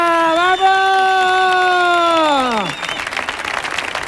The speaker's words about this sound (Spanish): ¡Fuerte aplauso, por favor! ¡Fuerte aplauso para Alba! ¡La perra blanca!